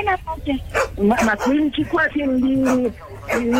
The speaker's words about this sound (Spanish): Un perro.